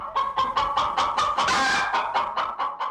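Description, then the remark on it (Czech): A chicken clucks in a quick, steady series of short calls, rising into a louder, more agitated squawk midway before settling back into rhythmic clucking, clear with no talking. “Tak pozor, 3, 2, 1, slepice.”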